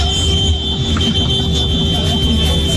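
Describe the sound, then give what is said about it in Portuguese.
Car horns blare in one long, unbroken honk from people arriving at the Band FM radio station, a steady high-pitched tone held loud for the whole stretch over a dense, rumbling background of engines and commotion. “Olha a galera buzinando.”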